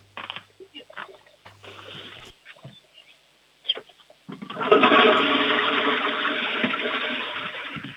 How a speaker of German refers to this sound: Das ist, glaube ich, jetzt eine der lautesten Klospülungen gewesen, die ich jemals hier in der Sendung hatte.